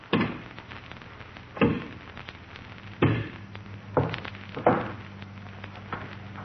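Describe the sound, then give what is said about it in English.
Wood cracks and splinters as a large log meant for the fireplace is broken in half by hand, five sharp crunching snaps at irregular intervals over a low steady hum, with no talking. “Six log, and he's breaking it with his hands.”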